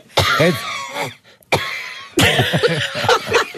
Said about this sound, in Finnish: Joo, on ollut nyt tässä pari päivää. On jotenkin, on se varmasti, se on ihan todellista, mutta se, niin kuin se köhinä on niin kauhean dramaattista.